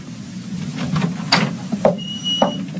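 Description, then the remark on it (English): A door down a hall is opened: a soft rattle and a sharp latch click, then a couple of lighter clicks and a faint thin creak over a low steady hum. “I went down the hall and opened the door.”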